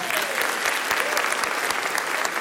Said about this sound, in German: Ja, du bist gut. Der ist Applaus.